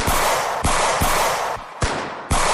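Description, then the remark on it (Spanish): Several loud pistol shots, fired into the air by police, crack out at irregular intervals, each sharp blast followed by a dense, noisy wash of echo and commotion that fills the gaps between shots. “Y muchos de ellos echaron mano a sus pistolas para disparar al aire.”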